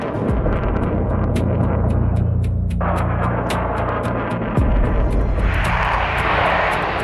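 A loud, sustained roar of a jet aircraft taking off at Akıncı air base in Turkey, deep rumbling engine noise with a rising hiss toward the end and faint regular ticking throughout; no one speaks.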